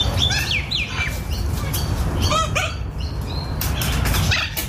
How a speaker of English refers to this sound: That's a chicken, for God's sake.